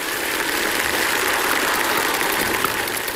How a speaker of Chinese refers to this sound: 咱们大家伙再鼓鼓掌，让他给咱们展示这段同仁堂，好不好，朋友们？